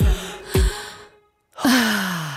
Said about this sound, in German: Du darfst gleich wieder aufhören zu atmen. Warte, letzter Atemzug.